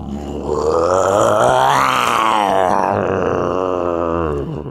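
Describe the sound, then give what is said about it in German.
A man imitates a lion's roar with one long, loud, rough growling vocal sound that rises in pitch, peaks in the middle, then slowly falls away, with no speech. “Kannst du einen Löwen nachmachen?”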